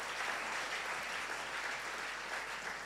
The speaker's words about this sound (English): So shall we clap again for them?